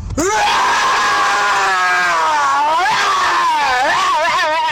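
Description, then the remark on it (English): A person lets out a long, loud, sustained roar lasting several seconds, the strained voice wavering in pitch and rising into a ragged howl near the end. “Here goes my roar.”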